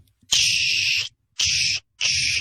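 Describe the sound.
A voice imitates the air brakes of an 18-wheeler semi-truck bearing the Moosehead Beer logo, with three loud, breathy hisses, the first longest and the next two shorter, each with a low throaty rumble beneath the hiss.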